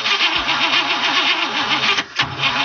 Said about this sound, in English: We've all experienced it at one time or another. We turn the key, and our car just doesn't want to start.